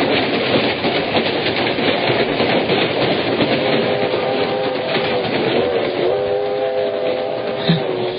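A train bound for Morácuaro runs along the rails in a loud, continuous rattling rumble, and about halfway through a steady, sustained tone rises over the clatter. No one speaks.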